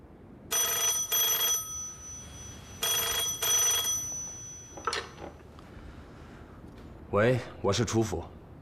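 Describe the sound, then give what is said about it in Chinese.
A telephone at the Chu residence rings twice in long, bright, buzzy bursts separated by a short pause, fairly loud, followed by someone briefly answering after the ringing stops. “喂，我是楚府。”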